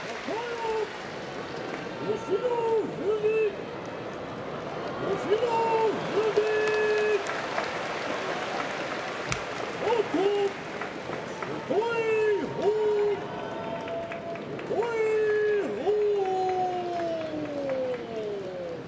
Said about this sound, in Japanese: 西の土俵、東の7枚目琴栄峰9勝3敗、今高々と上がる四股、 IG アリーナから拍手が起きています。